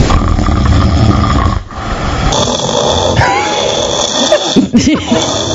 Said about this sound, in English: I know it's not a normal occurrence, Shauna, but you were getting so much support on the text line from all the other wives that have to deal with snoring